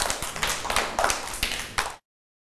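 A group of children clapping together, a dense, uneven patter of many hands that runs for about two seconds and then stops abruptly.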